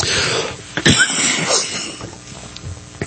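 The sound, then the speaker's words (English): A harsh cough burst, followed by a few more rough throat-clearing coughs and breathy sounds, with no talking. “I seem to be in the coughing spree today.”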